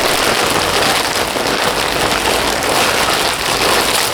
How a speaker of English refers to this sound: first you might want something that makes a crinkly sound. Could be paper, could be a bag.